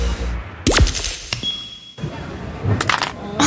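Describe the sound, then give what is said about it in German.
A mobile phone hits a hard floor with a sharp crack, followed by a brief high ringing tone and a second burst of small clattering, rattling pieces. “Mein Handy. Oh, komm schon, geh wieder an, komm. Oh, das ist ärgerlich.”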